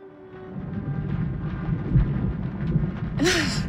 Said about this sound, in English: Does it always rain at Thornfield? I mean, where the last 3 days we've been here? This weather is insupportable.